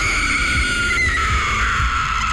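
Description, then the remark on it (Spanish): The ghostly wailing cry of La Llorona, one long, loud, high-pitched woman's wail that slowly sinks in pitch over a low, rumbling murmur, with no talking. “nos dimos cuenta del porqué el llanto de la llorona.”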